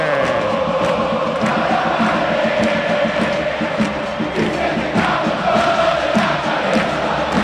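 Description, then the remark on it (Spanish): A huge stadium crowd of Platense supporters roars and cheers after a Platense goal against Boca, a loud, unbroken wall of shouting with rhythmic chanting pulsing through it for the whole stretch. “Se vuelve loco el público de Platense.”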